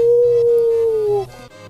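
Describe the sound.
A human voice imitates a wolf howl: a single loud, sustained tone lasting over a second that slowly slides downward before breaking off, followed by quieter background noise.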